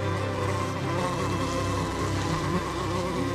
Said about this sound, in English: On beautiful spring days, as the air is filled with the scent of flowers, it also hums with the soundtrack of insects.